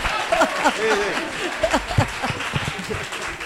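An audience claps steadily in a dense, continuous patter of many hands, with voices talking and calling out over the applause throughout.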